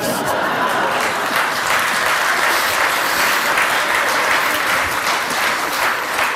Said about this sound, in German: Da haben die Männer jetzt aber lauter geklatscht, die haben es genau gehört.